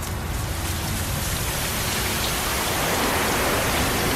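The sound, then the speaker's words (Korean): Heavy rain pours down in the dark in a steady, dense hiss of countless drops, loud and unbroken from start to finish, growing slightly fuller toward the end. No voices are heard. “어둠 속 억수로 쏟아지는 비에 그대로 몸을 맡겨버린 림더정은”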